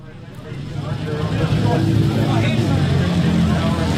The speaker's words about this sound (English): It's raining at Ruapuna Speedway, and all around me is the sound of thunder. But not just any thunder. Amidst the roar of British, European and American motorbikes that make up this event is the homegrown sound of the Britton bike